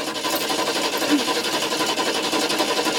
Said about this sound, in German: Mandys Mutter versucht verzweifelt, das Auto zu starten.